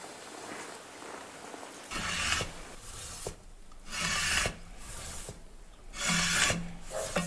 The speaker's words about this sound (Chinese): 再经过打磨、抛光，一件锡器做成了。